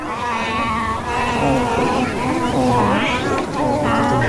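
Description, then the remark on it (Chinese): Yunnan snub-nosed monkeys calling in a forest not far from a camp on Baima Snow Mountain, a run of overlapping, wavering, bleat-like cries with rising and falling pitch, sounding steadily and fairly loud for several seconds without pause. “结果呢，同伴来追我，说猴子来了，就来到离我们营地不远的一片林子里。”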